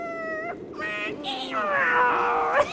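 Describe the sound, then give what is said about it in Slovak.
A voice imitates a cat, drawing out a few whiny, sliding meows with short breaks between them, ending on a brief rising cry. “Mňau, rozmyslí. Mňau.”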